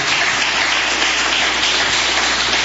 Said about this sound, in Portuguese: Bem-vindo à Igreja Pentecostal Deus e Amor. Mais que uma igreja, somos uma família. A Igreja de Cristo pode aplaudir ao Senhor com força, com alegria.